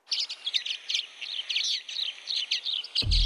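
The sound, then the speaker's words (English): A common waxbill sings a rapid series of thin, high chirps and buzzy trills, repeated continuously, with a brief low thump at the very end. “I can't believe that I found the bird. It's a common waxbill. Listen to this.”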